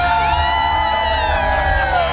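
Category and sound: crowd, stadium crowd cheering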